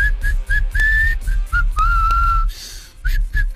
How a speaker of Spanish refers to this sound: Yo tendría que aprender a silbar antes. ¿Vos no sabes silbar? ¿No sabes silbar? Escucha, este soy yo.